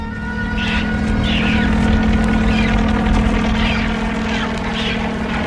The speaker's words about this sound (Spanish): grita como si pudiera ser escuchado desde el helicóptero, que vuela trazando círculos sobre el refugio.